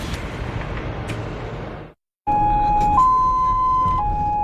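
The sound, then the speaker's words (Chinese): Engine and traffic rumble, a brief moment of silence, then an ambulance's two-tone siren wails loud, stepping between a lower and a higher pitch over the continuing road noise, as the ambulance moves quickly through 8 a.m. morning rush-hour traffic on Beijing's Fifth Ring Road. “早上8点的北京五环路正值早高峰，救护车快速穿行在车流中，不可避免的会遭遇拥堵。”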